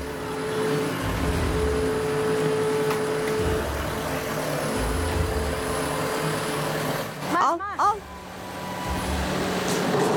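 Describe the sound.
A tractor engine drones steadily with a low, uneven rumble and faint mechanical whine while lifting an old, dilapidated feeder out of the barn where the goats will give birth at the Entre Cabritos farm, and a man calls out a couple of short words near the end.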